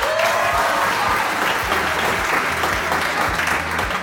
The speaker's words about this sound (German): Applaus für euch!